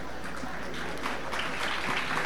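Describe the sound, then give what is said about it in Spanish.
A crowd applauding in memory of Ernesto Escarencio, a dense, even patter of many hands clapping at once with no pause, holding a constant moderate loudness throughout. “Un fuerte aplauso en memoria de Ernesto Escarencio, claro que sí.”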